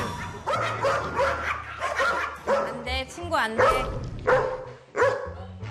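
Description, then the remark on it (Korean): Dogs, including one named Pari, bark excitedly at a guest entering, in a rapid series of sharp yaps and yips, with a few higher whining notes, while people talk over the commotion. “손님이 입장하는 순간 어머어머, 얘들아, 너는 환영 인사가 너무 격렬한 거 아니니?”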